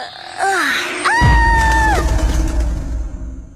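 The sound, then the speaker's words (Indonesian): A woman screams in distress: a short rising cry, then a loud, sustained high-pitched scream lasting about a second, over a low rumbling background that continues after she stops. “Kenapa berteriak?”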